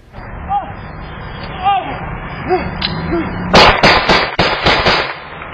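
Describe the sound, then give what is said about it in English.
A rapid volley of about six sharp, loud gunshots during a police shooting cracks in quick succession near the end, recorded by a homeowner's Ring camera, following a stretch of quiet outdoor background with a few faint chirping sounds. “It appears to show Jett running as gunshots are heard”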